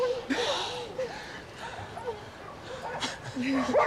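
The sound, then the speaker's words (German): Many dogs yip, bark and whimper in an overlapping, restless chorus, with high whining cries rising and falling throughout and a few sharper barks near the end. “hier sind jede Menge Hunde.”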